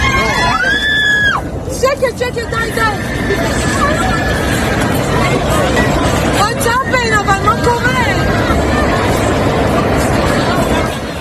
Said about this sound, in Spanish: El momento de pánico que se ha vivido a bordo del vuelo FZ-1073 de la aerolínea Fly Dubai. El avión hacía un viaje entre Dubai y Tel Aviv, en Israel,